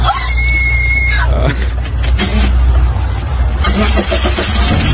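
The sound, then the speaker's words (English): A 20-year-old car engine cranks with a high, whining starter, then catches and settles into a loud, rough rumble, with clattering knocks as it runs. “Can I start it just to see?”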